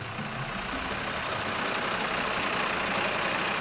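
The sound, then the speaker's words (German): A heavy fire brigade truck engine runs steadily as the truck edges slowly forward onto the savanna enclosure at Münster zoo for stork ringing. The engine makes a deep low rumble with a broad hiss over it, holding at a constant, fairly loud level with no voices. “Und die Feuerwehr tastet sich langsam vor. Gas geben!”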